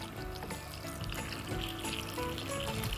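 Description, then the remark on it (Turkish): Hot water pours steadily from a kettle into a cooking pot, a continuous rushing splash with sizzling underneath, fairly loud for about three seconds. “Sıcak su ilave edelim. Tamam. Şurada kettle'ımızda sıcak suyumuz var.”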